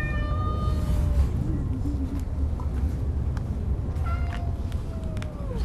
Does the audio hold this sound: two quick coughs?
no